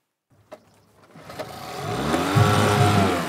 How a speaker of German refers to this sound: Ein 8 PS-Motor mit Spezialgetriebe für ihr Floß. Damals eine Sonderanfertigung für eine besondere Idee. Sehr zuverlässig, kann ich nur sagen. Und beim zweiten Mal anreißen läuft er. Und das schon 20 Jahre.